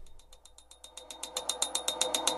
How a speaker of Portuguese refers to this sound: Estão ouvindo esse barulho aí? Sério, sou só eu que estou ouvindo? Você aí no carro, está ouvindo essa bateção de pino?